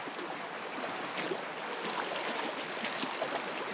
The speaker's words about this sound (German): 3, 2, 1, Kopf unter Wasser.